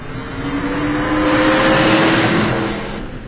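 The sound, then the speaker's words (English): A racing car engine revs with a rising, buzzing roar that swells to a loud peak around the middle and then fades away, as if speeding past. No voices. “Or a driver of a racing car.”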